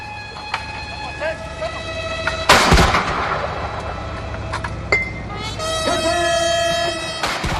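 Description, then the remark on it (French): A single heavy cannon boom from a 21-gun salute, with a sharper report a couple of seconds later, while a military brass band plays a welcome piece in sustained chords, at the official welcome of Chinese President Xi Jinping at the al-Ittihadiya palace in Egypt. “Ils ont été accueillis par une garde d'honneur et une garde d'honneur à cheval, tandis qu'une fanfare militaire jouait un morceau de bienvenue et qu'une salve de 21 coups de canon était tirée.”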